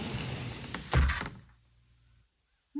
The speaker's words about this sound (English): As Mike and Karen stepped into the room, the wall behind them slid closed.